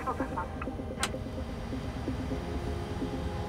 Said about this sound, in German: Okay, wir lassen an. Engine number one start.